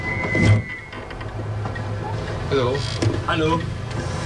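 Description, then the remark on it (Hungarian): A car's engine rumbles low and steady as the vehicle brakes to a stop at the roadside on the edge of Moson-Magyaróvár, where a boy and a girl with many bags are waving, with brief voices speaking over the hum near the end. “Másnap autóba szálltam, és legelőször Moson-Magyaróvár határában fékeztem, ahol számtalan csomaggal egy fiú és egy lány integetett az út szélén.”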